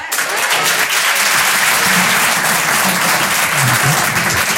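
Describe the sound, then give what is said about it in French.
Sustained applause from a sizable audience of parents, a dense, steady wash of clapping that stays loud for several seconds, with faint voices mixed in underneath. “Est-ce qu'il y a des parents par applaudissement ?”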